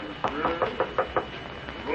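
A hand knocks on the door of Dr. Jekyll's laboratory about six times in a quick, steady series of firm, hollow raps, then stops, leaving faint background hiss.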